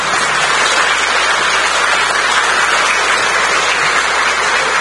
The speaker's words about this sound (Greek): Σηκωθείτε, κύριε Κυρανάκη, να σας δούνε, να σας χειροκροτήσουνε.